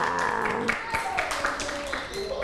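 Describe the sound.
A small group of children claps in quick, uneven bursts, the claps close and fairly loud, with voices chattering over them throughout.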